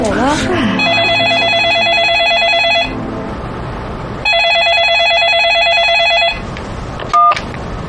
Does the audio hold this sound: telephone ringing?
yes